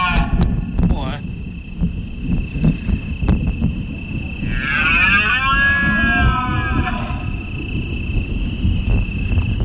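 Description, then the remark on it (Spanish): A deer bellows once in a long, drawn-out rutting roar midway through, over a constant high-pitched whine and low rumbling wind noise. “tronando abajo el bramido de los ciervos.”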